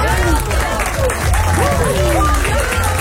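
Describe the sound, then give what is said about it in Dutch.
Loud, steady applause from a crowd, a dense wash of clapping with cheering and whooping voices rising and falling over it throughout, on a Radio Veronica show, for a 14-year-old from Veendam who recently became Dutch 3x3 basketball champion. “Applaus voor jou, man.”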